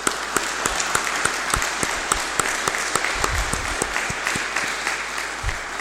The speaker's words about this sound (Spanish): Le vamos a dar un fuerte aplauso al Santo Espíritu en este día.